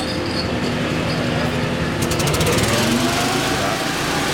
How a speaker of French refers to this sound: En route un énorme ventilateur avec une génératrice pour évacuer les fumées.